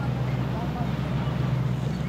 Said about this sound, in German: Ja, das Schiff wird jetzt zu laut. Also jetzt hört man nichts anderes außer Schiff.